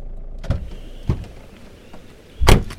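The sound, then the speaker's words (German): A car pulls over and comes to a stop, with a low engine rumble and three short bursts of mechanical noise, the last one loudest. Nobody talks. “Jetzt halt mal an.”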